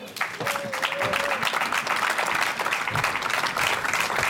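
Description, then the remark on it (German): An audience of thousands of guests at the Museumsquartier claps steadily for a performer, a dense, continuous wash of applause that stays loud for the whole stretch, with a brief whistle-like tone near the start. “Und deshalb biete ich meinen kräftigen Applaus für mehr Leadership.”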